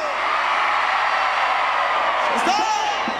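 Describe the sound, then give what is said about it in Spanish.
A large crowd at a Mexican celebration night roars, shouting and cheering in a sustained, dense wall of noise after being asked to shout if proud to be Mexican, with a few whoops and higher yells rising near the end. “¡Échese un grito el que esté orgulloso de ser mexicano!”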